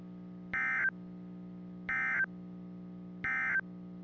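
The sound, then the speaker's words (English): Three short electronic warning-alarm tones from a NOAA Weather Radio warning alarm device, sounded as a test, play at an even pace. Each is a bright buzzy beep lasting about a third of a second, over a steady low background hum. No one speaks. “This has been a test of the NOAA Weather Radio Warning Alarm device.”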